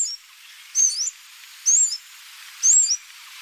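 Three short, high-pitched calls of a blue-throated sunbird in Shennongjia ring out at steady intervals, each a thin, slurred whistle with a quick rising-falling sweep, clear against a quiet hiss of background.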